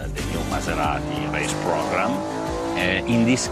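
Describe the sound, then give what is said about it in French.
A racing engine for Maserati's motorsport programme drones steadily on test next door, its loud, buzzing hum holding a fairly constant pitch while a man talks over it. “Mais juste à côté, on fait les tests d'un moteur de course pour le programme sportif de Maserati.”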